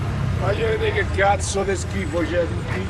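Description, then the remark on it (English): A passing driver's raised voice shouts "Just look at the mess here" from his car over the steady low rumble of its engine, beside a line of people waiting outside for asylum and residence permit appointments in Italy. “A passing driver shouts from his car, "Just look at the mess here."”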